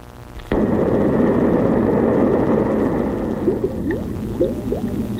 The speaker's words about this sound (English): What, bubbles? Yeah, it's bubbles. Why would they put that after an explosion?